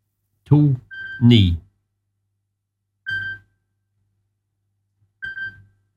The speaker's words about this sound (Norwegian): Det ringer, det ringer. Hör, vem kan det vara?